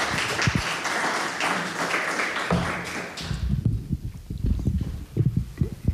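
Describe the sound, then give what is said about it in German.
An audience claps in a dense, steady burst for about three seconds, then the applause fades into a few scattered, irregular low thumps and taps. “Und die dürft auch schon mal für em klatschen.”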